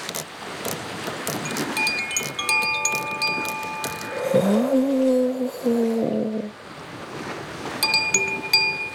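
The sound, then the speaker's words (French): Steady rushing wind and sea wash fill the background as the wind fills the mainsail of Toudou's sailing boat on the waves, overlaid by drawn-out creaking, squeaking tones and scattered light clicks and rattles, with no voices. “Le vent gonfle la voile.”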